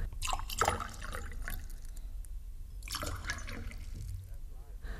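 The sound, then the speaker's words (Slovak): Fresh water splashes and gurgles as it is poured from a jug, in two close, steady bursts with a short pause between, over a low background rumble. “A dajte mi doniesť krčach čerstvej vody. A pre pánov krčach dobrého vína.”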